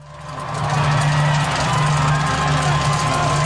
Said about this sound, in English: There's plenty of excitement here at one of Seattle's fan zones. Supporters in different shirts gather in front of a giant screen cheering as yet another team edges closer to the knockout stages at the World Cup.